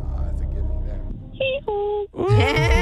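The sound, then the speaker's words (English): A person imitates a donkey's hee-haw: two short, steady tonal calls followed by a louder, wavering braying sound, clear after some quiet low rumble. “Hee-haw was so cute. It was on key.”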